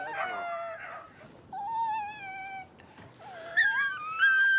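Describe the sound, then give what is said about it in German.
A puppy whines in a series of high, wavering cries, some sliding up and down in pitch, with brief pauses between them; fairly loud, no talking. “Hör auf zu heulen.”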